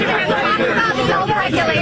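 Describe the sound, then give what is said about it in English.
Reporters shout questions at the president all at once, a loud, steady wall of overlapping talk with no single speaker standing out, continuous from start to finish. “Nobody can even hear you anyway. You all screech at the same time.”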